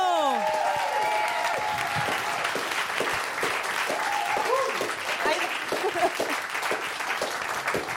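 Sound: studio audience applause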